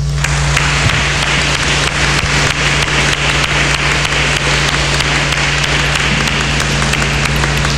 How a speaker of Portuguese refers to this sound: Nos visita de novo, como visitou aquelas crianças. Por isso, vamos acolhê-la e saudá-la com uma salva de palmas.